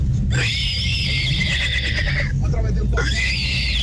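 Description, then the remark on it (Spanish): A radio listener showing a hidden talent on the Tropicana morning show imitates a horse's neigh with two long, shrill whinnying calls, loud and separated by a brief pause, over a steady low background hum. “Mi talento oculto es imitar al caballo.”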